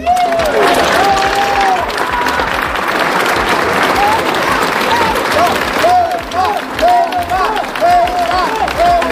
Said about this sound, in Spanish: Pues como pueden escuchar, gritos de apoyo a Ceuta, también gritos criticando al gobierno en una concentración que terminaba con el himno nacional que interpretaba la banda.